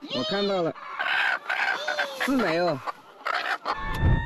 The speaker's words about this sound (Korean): 하루에 여러 번 줍는 일을 반복하다 보니 일이 익숙하지만 유독 공격적인 닭이 출현할 때는 좀 힘들다네요.